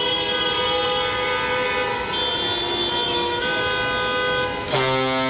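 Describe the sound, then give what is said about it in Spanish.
A loud, sustained truck horn blares with a steady multi-tone chord, shifting pitch once and jumping to a brighter, louder blast near the end, over a rumbling low background, as the truck passes through the streets of Seville during the Vuelta a España cycling race. “Siempre hay un camión, ¿verdad? Atravesando las calles de la ciudad. Parece un barco, pero es un camión.”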